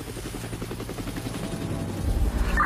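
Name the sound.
helicopter flying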